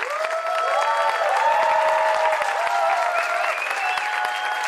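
A steady, loud wash of audience applause for a quartet performing that night fills the whole stretch, dense clapping with no pauses, while sustained ringing tones hover above the noise.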